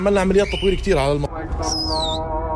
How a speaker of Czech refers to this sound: proto teď holuby zastrašuje pískotem a praporem, který pak jako výstrahu vztyčí nad věží.